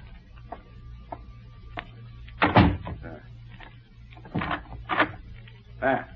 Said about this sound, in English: I will close the door.